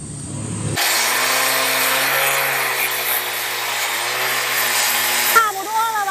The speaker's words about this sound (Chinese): 但这块石头需要打磨抛光，你才能上面画画。 那加工的话也得自己完成， 我老公完成。 经过两个小时的切割、敲打与反复打磨，这块子母石终于接近了可作画的理想形状。